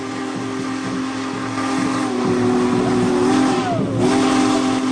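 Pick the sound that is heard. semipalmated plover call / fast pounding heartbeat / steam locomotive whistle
steam locomotive whistle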